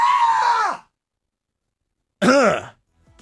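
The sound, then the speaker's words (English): A male radio host, startled by a dark silhouette waving at him through the glass, lets out a loud, high-pitched scream into a live stream camera; after a short silence a second shrill, wavering shriek follows, with no talking in between. “I'm a hardcore shock jock radio bad boy who just screamed like a little girl into the live stream camera.”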